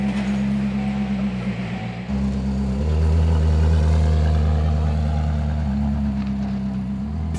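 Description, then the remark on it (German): A Koenigsegg sports car engine rumbles loudly, its deep drone shifting pitch a few times as the car drives slowly past an ice cream parlour with its door open, with no voices present. “Das ist doch Hollywood-tauglich sogar fast, wie das aussieht mit der offenen Tür, so an der Eisdiele vorbeifahren.”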